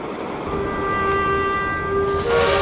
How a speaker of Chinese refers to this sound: 乌鲁木齐发往库尔勒的城807次城际列车，成为第一辆从平面连通驶入立体互联的列车。